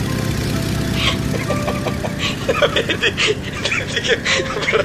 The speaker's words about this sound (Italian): Sì. Monoelica, tra l'altro. Effettivamente faccio un pelo fatica a starmi dietro. Se potete, gentilmente, andate un po' più piano. Credo di avere il motore un pelo surriscaldato.